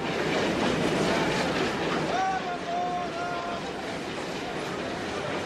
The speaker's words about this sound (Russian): запрыгивает в тронувшийся поезд.